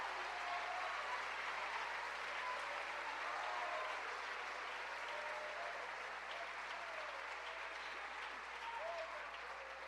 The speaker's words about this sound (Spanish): ¿Cuánto le dan gloria a Cristo? ¿Cuánto le dan un aplauso a la misericordia de Dios?